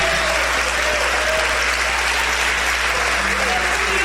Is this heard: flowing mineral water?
no